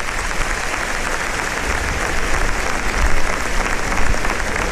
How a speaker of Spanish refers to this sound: Ahí está, recogiendo la ovación del respetable.